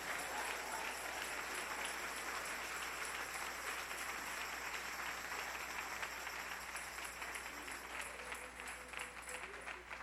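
An audience applauds the Lord steadily for about ten seconds one morning, a dense, sustained wash of many hands clapping at once, fairly loud, with no talking over it.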